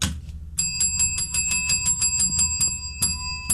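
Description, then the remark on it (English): A bright metallic call bell dings rapidly over and over, about fifteen quick strikes in a steady rhythm, loud, with a low rumbling hum underneath. “I need more call bell.”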